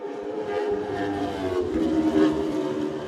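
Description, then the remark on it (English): A racing Honda motorcycle engine roars steadily for about three seconds, a loud buzzing whine with strong layered harmonics that swells slightly near the end as it picks up speed. “You can just hear it picking up there now, the Honda.”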